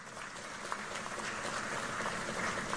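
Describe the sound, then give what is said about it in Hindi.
A large crowd in Bengal claps steadily at the speaker's request for BJP candidate Kalita Majhi, a dense wash of many hands with no pauses, sustained for the whole stretch. “कलिता जी के लिए ताली बजाओ जरा।”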